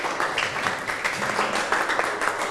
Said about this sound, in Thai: ถูกต้องปรบมือให้เพื่อนนะครับ